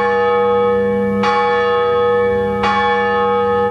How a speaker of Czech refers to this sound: Zvon právě patří mezi hudební nástroje pevně naladěné, mají zase tu výhodu, že se nerozladí.